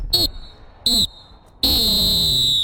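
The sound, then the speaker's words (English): A referee's full-time whistle blows loud: two short shrill blasts, then one long sustained blast, with a soft background murmur between them. “But I think it's time to blow that full-time whistle.”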